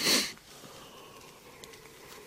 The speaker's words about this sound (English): yawning